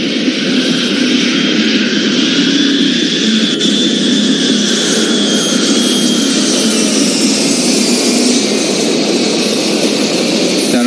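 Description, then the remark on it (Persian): A large four-engine airplane's engines roar loudly and steadily at high power as it starts up, speeds down the runway and lifts off, a continuous whining drone with no voices. “به سرعت موتور دوم و به دنبال آن موتور سوم و چهارم روشن شد. هواپیما به سرعت روی بان حرکت کرد و چرخی زد و هنوز به انتهای بان نرسیده کاملا غیرعادی از زمین کنده شد.”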